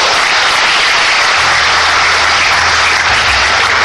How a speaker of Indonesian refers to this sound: Tepuk tangan untuk wanita.